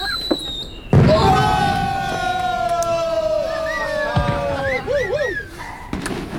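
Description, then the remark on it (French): A sharp, loud bang bursts out, followed by long wavering whistles and a crowd's voices, with a couple more thumps popping up later, as firework rockets go off among onlookers, their explosions growing more and more powerful. “Les explosions causées par les Solara devenaient de plus en plus puissantes”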